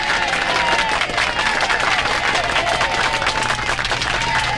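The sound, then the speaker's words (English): A crowd at the Family First Radiothon bursts into sustained, loud applause with some cheering mixed in, cheering a donation; dense clapping holds steady for several seconds without a break. “To the Family First Radiothon, a heartfelt cheer for you two.”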